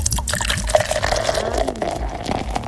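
Beer being poured from a can, a steady gurgling stream of liquid with fizzy splashing that runs continuously for a few seconds without any voices.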